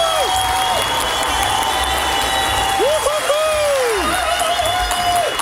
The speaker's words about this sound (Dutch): omdat jij in de jeugdzorg gewoon door hebt gewerkt, krijg jij van iedereen in dit studio applaus een staande ovatie!